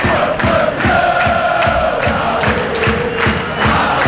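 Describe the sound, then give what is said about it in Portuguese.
A large crowd of FC Porto supporters chants in unison at the Estádio Municipal do Fontelo, celebrating with the FC Porto players, a loud, steady rhythmic roar of massed voices with regular beats, sustained throughout without pause. “Este é o grito que se ouve.”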